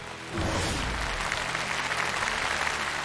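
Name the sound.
audience applause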